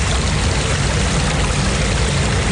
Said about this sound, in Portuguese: vou mostrar para vocês agora um vazamento que acontece no ponto importante aqui do bairro Jardim Camburi, aqui em Vitória. Esse é o som causado pela água que está passando por essa rua. Olha só e perceba a quantidade de água.